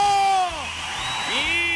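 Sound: audience shouting on cue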